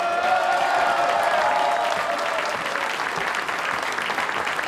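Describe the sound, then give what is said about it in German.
A festival tent audience at Radio Niederösterreich's Lange Nacht der Volksmusik applauds steadily, a dense wash of many hands clapping at a constant loud level with some crowd murmur, no one speaking over it. “Wir starten rein in die zweite Stunde der Lange Nacht der Volksmusik und ich habe das Gefühl, das Publikum hier im Festzelt hat Lust auf mehr Volksmusik.”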